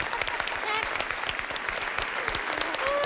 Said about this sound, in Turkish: Arkadaşlar, alkışlar önceden geliyor artık. O kadar da emin oluyoruz.